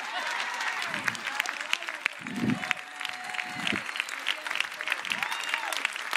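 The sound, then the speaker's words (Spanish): An audience applauds steadily for about six seconds, a dense, even wash of clapping with a few voices calling out faintly beneath it. “Aplaude, tú no tienes fe.”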